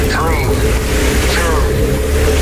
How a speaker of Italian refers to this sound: Accensione motori.